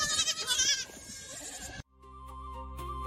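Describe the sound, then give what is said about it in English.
High, wavering bleats from baby goats leaping in a meadow overlap for nearly two seconds, fairly loud, then cut off abruptly into sustained, steady musical tones. “Gentle viewers, let's take a moment to share the joy of baby goats leaping in the meadow.”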